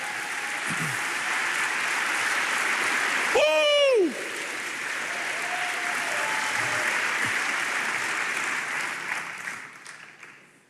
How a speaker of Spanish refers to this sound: Vamos, dele palmas al Señor por eso.